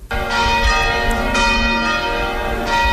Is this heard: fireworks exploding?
no